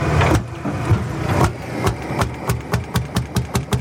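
A heavy old water-cooled diesel tractor engine of simple build, without electronics or control unit, runs with a rough, rumbling idle, its rhythmic knocking clatter pulsing steadily and picking up pace toward the end.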